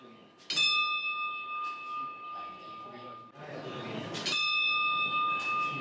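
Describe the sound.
A temple bell is struck twice, about four seconds apart, each strike leaving a clear, sustained metallic ring that hums on between hits over a soft murmur of background voices.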